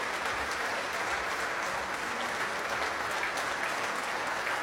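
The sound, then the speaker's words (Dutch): Sustained applause from a standing audience and the Jeugdorkest Nederland for the piano soloist after Rachmaninov's second piano concerto, a dense, steady wash of clapping that holds an even loudness throughout, with no voices standing out. “Het orkest applaudisseert mee voor de solist, voor Natalia Milstein.”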